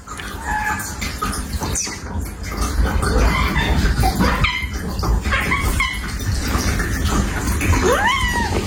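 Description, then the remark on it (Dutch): A cat, having come inside after a person called it, lets out a few short, high-pitched meows and squeaky calls directed at its owner, over a steady wash of running water in the background. “Maar je hoort dus die kat hele hoge geluidjes maken naar het mens of zijn baasje.”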